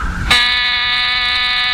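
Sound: door buzzer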